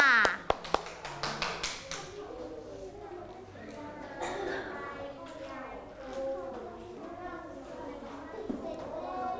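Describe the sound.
Children in a class clap their hands for a classmate in a quick burst of sharp claps at the start, followed by a busy wash of young voices and classroom chatter.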